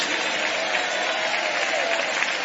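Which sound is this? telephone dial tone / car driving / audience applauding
audience applauding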